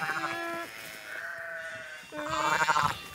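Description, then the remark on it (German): A shepherdess imitates a lamb's bleating to lure a ewe to its newborn lamb: two wavering, nasal calls with a steadier tone between them, fairly loud, with no other talk. “Mit Lammrufen lockt die Schäferin.”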